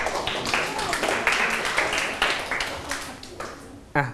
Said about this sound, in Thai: ขอบคุณมากเก่งมากเลยครับปรบมือเพื่อนหน่อย